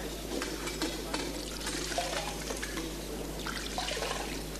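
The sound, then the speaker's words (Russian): Water is poured in a steady, splashing stream for several seconds as someone washes their hands under it, a continuous hiss with small irregular splashes. No one speaks. “Вымойте руки.”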